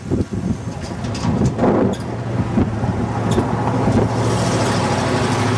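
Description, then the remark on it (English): A heavy 6-ton car rumbles past on a road, its low engine drone steady, with gusty wind buffeting the microphone throughout. “Let the 6-ton car get by.”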